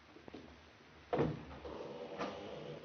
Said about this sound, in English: We will enter by the patio door. It is always open.